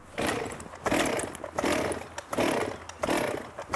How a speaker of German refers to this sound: Sind Michael und die Kettensäge startbereit?